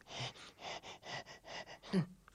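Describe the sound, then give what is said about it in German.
A voice imitates a broken printer straining to print a shopping list, with a quick series of eight or so breathy, rhythmic puffs, ending in a short strained groan. “Und weil der Panda die Liste so dringend braucht, gibt sich der Drucker total viel Mühe und ächzt und schnauft beim Drucken.”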